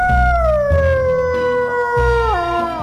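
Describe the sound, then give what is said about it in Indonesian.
A dog howls in one long, sustained, mournful note that slides slowly downward in pitch and wavers near the end, loud, over a low rumbling background. “Jika dibandingkan dengan anjing, mereka hanya memiliki sekitar 10 jenis suara seperti menggonggong, mengeram, dan melengok.”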